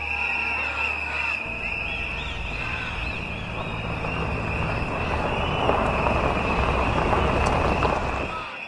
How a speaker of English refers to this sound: The rumble of trucks sound in the distance like thunder.